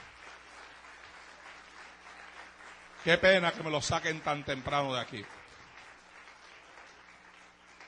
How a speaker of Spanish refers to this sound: Denle un aplauso a los muchachos del centro que ya tienen que salir.